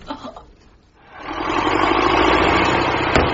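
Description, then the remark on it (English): A car engine idles, its steady rumbling drone rising after a quieter first second and holding at an even, continuous level with no voices. “Are you the car for Gatwick?”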